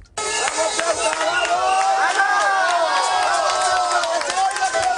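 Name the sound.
street protest crowd chanting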